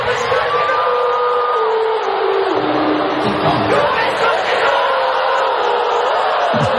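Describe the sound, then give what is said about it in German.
A large stadium crowd of fans sings along in unison at a Korean boy band concert at the Allianz Arena in Munich, a dense, loud wash of many voices holding sustained melodic lines with scattered shouts rising over the steady roar. “Und die Fans, die stimmten mit ein”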